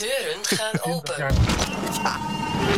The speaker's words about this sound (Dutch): Deuren gaan open.